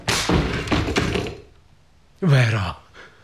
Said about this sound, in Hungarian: Rám törj az ajtót.